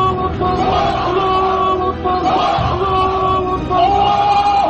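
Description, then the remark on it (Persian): A large crowd of Muhammad's followers shouts the battle cry "Allahu Akbar" in unison, loud, sustained voices rising and falling in a few surging waves that fill the whole stretch without pause. “در پیرو فریادهای الله اکبر محمد، پیروان وی نیز فریاد الله اکبر سر دادند.”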